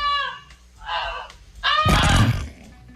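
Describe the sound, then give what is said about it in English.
On the KQ Morning Show radio programme, a person mimics a goose with three loud, nasal honks in quick succession; a harsh, noisy blast of sound accompanies the last one. “The family was asleep when Goosey started honking really loudly as flames tore through their barn.”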